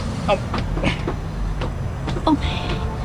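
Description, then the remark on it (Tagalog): Steady low rumble of street traffic with vehicles passing one after another at a crossing where the traffic light is broken, punctuated by scattered clanks and brief rattles, and faint indistinct voices in the background. “Tungkol na sinibay-sibay lang mga salakyan. Guba ang traffic light.”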